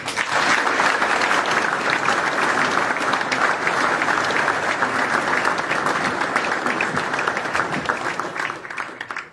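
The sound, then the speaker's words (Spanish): Sustained, respectful applause from a large audience in memory of two deceased leaders, a dense steady clatter of many hands clapping for about nine seconds, loud and even throughout before tapering slightly at the end. “Y yo les voy a pedir, porque sé que les gustaría, que los recordemos con un respetuoso aplauso.”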